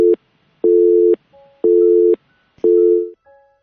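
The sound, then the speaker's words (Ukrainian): A telephone busy tone from a failed attempt to take a phone call sounds alone: steady, evenly spaced beeps of about half a second each, repeating four times with short gaps, clear. “Пробуємо ще раз прийняти телефонний дзвінок до нас.”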